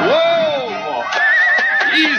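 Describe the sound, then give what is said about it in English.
A horse neighs loudly as a rider mounts it, a long wavering whinny that rises and falls, followed by a thinner high-pitched trill over a rough, noisy background with a few soft knocks. “Whoa! Easy, horse. That's it. I'm in the saddle, boy.”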